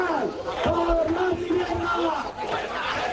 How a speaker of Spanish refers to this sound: Y este es sonido de la concentración en Mérida, donde un centenar de personas se manifestaban para exigir el fin de los desahucios, la regulación del precio del alquiler, que la capital extremeña se declare como ciudad tensionada